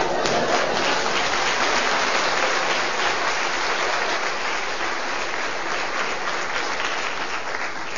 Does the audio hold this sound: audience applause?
yes